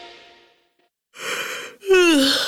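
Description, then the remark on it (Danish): A single loud yawn from one person: after a brief pause, a long breathy intake of air gives way to a drawn-out voiced groan that slides downward in pitch. “Sidder du også og gaber, fordi du sov dårligt i nat?”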